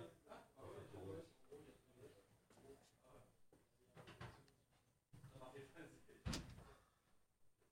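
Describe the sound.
A door is shut with a single solid thud near the end, preceded by a brief creak of movement, over a steady murmur of room noise and faint voices.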